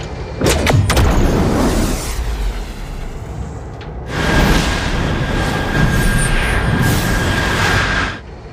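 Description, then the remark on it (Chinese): A loud, sustained rocket launch roar on the first launch begins with sharp crackling bursts, rumbles steadily for several seconds, then surges again in a second powerful wave before cutting off near the end. “准备第一次发射”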